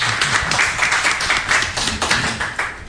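A crowd applauds with dense, steady clapping that holds fairly loud for about three seconds, with a faint low murmur of voices beneath the claps.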